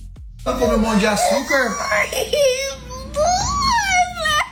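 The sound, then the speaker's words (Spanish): Children cry and scream in fright as a sonogram-like device is placed on their bellies and a worm is shown on a TV screen as if inside their stomachs, with high, wavering wails that rise and fall in pitch, loud and continuous for several seconds, some sobs overlapping. “Escucha los gritos que pegan los chamacos cuando le hacen esto.”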